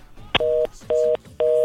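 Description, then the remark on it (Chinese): A sharp click, then a telephone line tone on a radio call-in from a listener, pulsing in three evenly spaced, steady beeps, each about a quarter second long, clear and fairly loud with no talking. “哎呦，啊，这个288的听众，领导的电话可能怪怪哦，吼，不要紧，搁顶卡哈，搁顶卡。”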